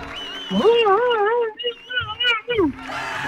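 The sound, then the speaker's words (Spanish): A voice imitates a fly in flight with a sustained, wavering buzz that rises and dips in pitch for about two seconds, breaking into a few short bursts before stopping. “¡El vuelo de la mosca! ¡Vamos! ¿Cómo suena la mosca cuando vuela?”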